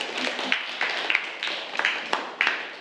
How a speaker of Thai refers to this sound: ค่ะปรบมือให้กับตัวแทนเลขที่9ด้วยค่ะ